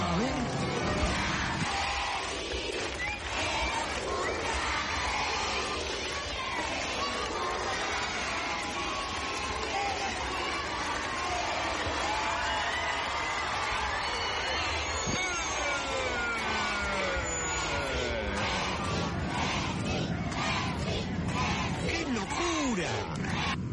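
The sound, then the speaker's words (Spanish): A large group of children from the Instituto club's youth school, gathered in the stands, sings happy birthday to Lionel Messi together, a loud, steady chorus of many young voices blending into a crowd-like wash for the whole stretch. “Y lo último para despedirnos de Instituto, escuchá el feliz cumpleaños que le cantó la escuelita de Instituto a Lionel Messi.”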